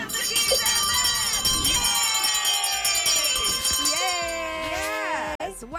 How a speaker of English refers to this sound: Ring the bell.